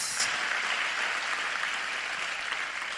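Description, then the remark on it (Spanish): A crowd applauds steadily for Jesus Christ, a dense wash of many hands clapping at a loud, even level for the whole stretch, with no voices standing out. “Demos un fuerte aplauso a Jesucristo.”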